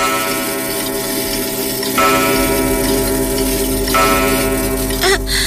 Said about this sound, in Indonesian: Saat sedang asik berdansa, tiba-tiba lonceng tengah malam berdentang.